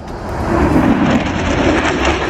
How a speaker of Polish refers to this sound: Supernowoczesne myśliwce F-35 przelecą także nad centrum Łodzi. Jutro najnowsze F-y przelecą nad całym krajem.